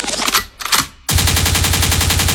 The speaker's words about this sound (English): Liquid means rewind. The gunshot means forward.